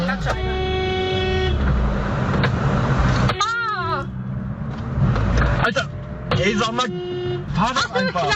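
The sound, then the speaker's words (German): Several car horns from angry drivers honk insistently in busy traffic, long sustained blasts overlapping with shorter beeps, loud, with engine rumble underneath and voices talking over the din. “Und wenn ihr uns gerade im Auto hört, dann hoffen wir wirklich, ihr seid entspannter unterwegs als diese Menschen hier.”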